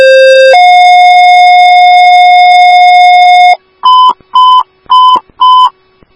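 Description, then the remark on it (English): Loud, steady electronic dispatch alert tones for Woodbury Station 4 and Ambulance 4, sent out for an overdose call at an apartment: a short tone, then a long sustained higher tone for about three seconds, followed by four quick repeated beeps in an even rhythm, with no voices. “These are your tones for the overdose at 3371 Hazel Trail, Apartment A.”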